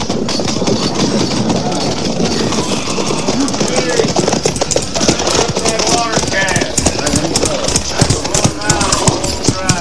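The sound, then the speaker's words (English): Horse hooves of an approaching rider clip-clop in a quick, irregular rhythm, mixed into a loud, dense rumble of mechanical noise, with faint voice-like sounds woven through. “Rider coming this way, sir.”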